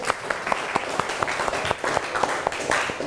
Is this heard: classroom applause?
yes